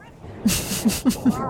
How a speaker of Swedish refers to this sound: Där. Där hör vi det. Det var jippirop.